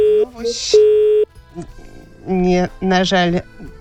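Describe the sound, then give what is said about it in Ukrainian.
A steady electronic telephone tone of an incoming call to the Radio Racja request concert sounds loudly for about a second, with one brief break near its start, followed by a short pause and then a voice speaking. “Ну, ось ніхто нам телефонує.”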